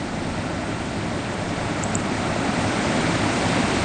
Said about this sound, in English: A beautiful rainy morning. Be careful out there today. She says it's very rainy over here. And it sounds like it's raining heavily on my end. It is. It's pouring.